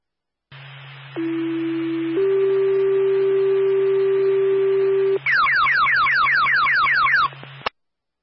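A fire dispatch paging alert for the Quinlan Fire department plays over a radio channel, toning out a response to a fire alarm sounding: a steady low tone steps up to a second, longer tone, then rapid repeating chirping sweeps follow before cutting off abruptly, all over a faint hum.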